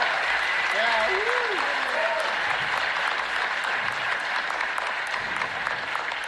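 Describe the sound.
Loud, sustained applause from a large audience, a dense steady roar of clapping lasting several seconds, with a few faint voices and whistle-like calls rising over it early on.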